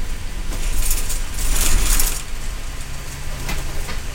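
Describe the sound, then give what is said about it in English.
A Cascades East Transit bus pulls up to a scheduled stop at the Three Warriors Market in Simnasho, a remote intersection on a reservation in Central Oregon, rumbling low, with bursts of hissing, squealing brake-like noise swelling in the middle before settling into an idling drone with a few clanks; no one speaks. “The bus pulls up to the Three Warriors Market in Simnasho, one of the scheduled stops.”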